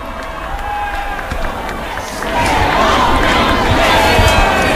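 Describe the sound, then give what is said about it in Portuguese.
A large crowd of faithful cheers and applauds loudly as the Pope approaches for the Angelus prayer, a dense wash of claps and voices that swells and grows even louder partway through, with scattered shouts rising above the roar. “Enquanto esperamos para acompanhar e rezar com o Papa a oração do Ângelus, podemos ver que ele já se aproxima, então, devido aos aplausos dos fiéis.”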